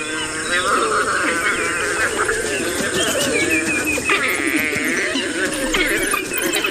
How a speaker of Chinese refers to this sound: 它们和其他种类的野犬一样，在为狩猎进行准备时，族群中的成员会对彼此发出叫声，为捕猎加油打气。